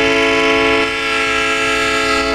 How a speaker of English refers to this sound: only a third of us say we use our car horn